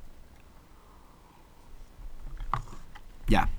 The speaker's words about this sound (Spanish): Un sorbito de café.